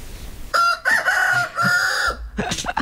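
A rooster crows loudly in a chicken pen, one long drawn-out cock-a-doodle-doo with strong harmonic tones, followed by a burst of sharper clucking calls at the end.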